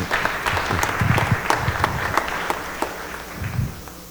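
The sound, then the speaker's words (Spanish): An audience at a Mass applauds, many hands clapping in a dense, steady patter with sharp individual claps popping out, sustained at moderate loudness for several seconds. “Un aplauso para el apoyo.”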